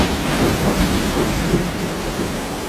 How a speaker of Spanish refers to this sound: Durante una noche hubo una fuerte tormenta.